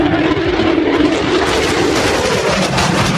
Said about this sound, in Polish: Niewidzialne dla radarów. Dziś do zobaczenia nad Polską. Samoloty F-35 zostaną dziś oficjalnie przyjęte do służby. Trwa właśnie uroczysty przelot maszyn. Pojawiły się już nad Westerplatte.